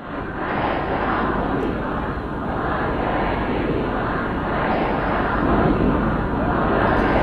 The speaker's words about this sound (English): Well, we can hear there mourners who filled the city of Mashhad for the last several days of funeral proceedings. Crowds shouted slogans against any compromise with the US and denounced the American and Israeli leaders.